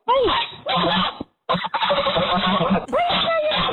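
A young female goose gives a run of hoarse, raspy honks, several rough bursts broken by a short pause, loud with no talking over them.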